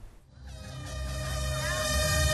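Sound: starting horn blast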